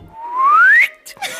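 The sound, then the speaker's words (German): A person whistles a single clear note that glides smoothly upward in pitch for most of a second, fairly loud, followed by a couple of brief, soft breathy noises. “Dann schweben sie und müssen haushalten mit der Stickluft, verlieren den Boden unter den Füßen, fühlen Schwindel und pfeifen.”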